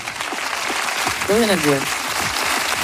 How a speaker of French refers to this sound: Merci. … applaudit aussi, bien sûr.